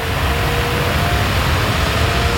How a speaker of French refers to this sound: Ça, c'est la clim, hein. Ça y est, on a branché la clim. Ah oui, le bruit de la clim que vous entendez derrière, c'est pour illustrer le thème de la pétition baptisée « Coupons la clim » à Yann Barthès.